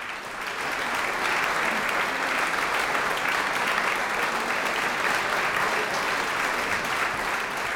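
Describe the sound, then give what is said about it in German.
Sustained, dense applause from an enthusiastic audience in the Brahms-Saal of the Wiener Musikverein, Vienna, after pianist Alexandre Tarot played Dukas' The Sorcerer's Apprentice in a piano version; steady throughout, many hands clapping at once, no voices standing out. “Seine Brille hat Alexandre Tarot wieder auf das Klavier gelegt, ist aufgestanden und hat sich einige Male vor dem begeisterten Publikum im Brahms-Saal des Wiener Musikvereins verbeugt.”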